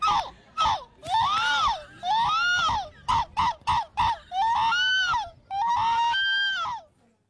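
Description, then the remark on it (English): A person imitates seagull calls in a pro event of humans imitating seagulls: a string of loud, nasal, arching cries, long wails broken by a quick burst of short staccato yelps, with no other sounds around them. “That's a human being a seagull in the pro event of humans trying to be seagulls.”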